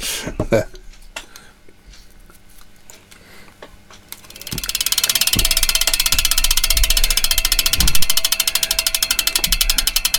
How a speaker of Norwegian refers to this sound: Tror du han når ut før tikkalyden er over?